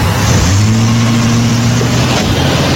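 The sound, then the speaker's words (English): A car engine starts and runs loud, its low drone rising into a steady rev that holds for a couple of seconds over a broad rushing noise, with no voices. “Now then, if you don't mind, sir, please, get in the car. I'll drive.”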